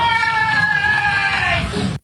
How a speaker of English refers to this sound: He's in the background, a woman's voice can be heard saying, "I tried to stop him," and then screams.